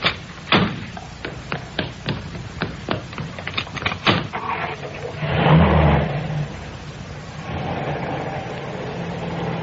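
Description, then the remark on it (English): Several sharp car door clunks and clicks come in quick succession as the driver and passenger change over, then an engine turns over and revs up with a low rumble before settling into a steady running hum. No one speaks. “Oh, don't bother to get out. I'll get out my side.”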